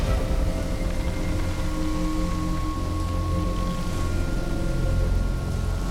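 Long, steady whale calls drift over a constant rumbling wash of water, several sustained tones overlapping at moderate loudness with no voices present.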